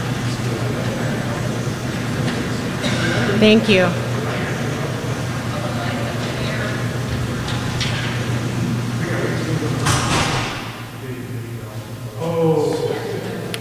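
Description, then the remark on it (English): A steady mechanical rumble of garage doors being shut during a Forest Service briefing drones for about ten seconds and ends with a brief clatter. The background goes quieter afterward, and a person speaks briefly near the end. “Thank you for bearing with us on the technical aspect of closing the garage doors.”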